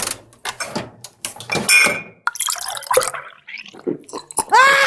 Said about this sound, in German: Hey, bist du schon wieder am Kühlschrank? Hast du schon wieder deine Griffel an meiner Brüllermilch? Ich bin nicht an deiner Brüllermilch. Natürlich, ich höre es doch. Du bist wieder an meiner Brüllermilch.